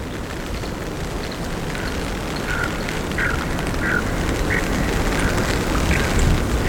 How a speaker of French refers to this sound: Nous sommes au bord d'un lac. L'ambiance y est tout à fait particulière.